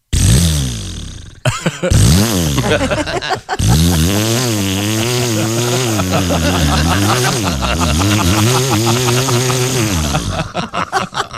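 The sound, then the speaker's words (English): A voice imitates a revving chainsaw as a joking "Canadian mating call", with a loud, buzzing drone, its pitch climbing and dropping in repeated revs for about ten seconds after a few short sputtering starts. “They love their chainsaws, man.”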